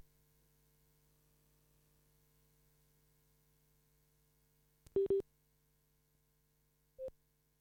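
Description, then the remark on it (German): A mobile phone's busy tone after a dropped call: a quiet electrical hum, then two quick electronic beeps close together and, a couple of seconds later, one more. No one speaks. “So, Entschuldigung, jetzt hat irgendwie sich mein Handy disconnected.”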